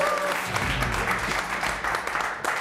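A short burst of applause from a small group, steady dense clapping filling the whole moment at moderate loudness, with no voices over it.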